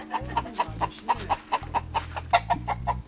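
A cluster of chickens raised in a forest clucks steadily, short bursts overlapping in a busy, continuous chatter with a low rumbling hum underneath.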